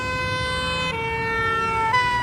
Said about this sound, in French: Un camion de pompiers au loin sort de la caserne. Ouh là là, visiblement, il y a urgence, hein. Il roule vite. Et nous, qui sommes immobiles, entendons le son de la sirène de plus en plus aigu et de plus en plus fort.